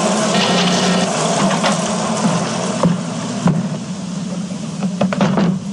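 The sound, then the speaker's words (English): Lawn sprinklers, turned on from a smartphone to water the grass, spray water in a steady, loud hiss that fills the whole clip, with a low rushing hum beneath and a few brief ticks and spurts scattered through. No one speaks. “Hey, the grass needs watering. I better turn on the sprinklers.”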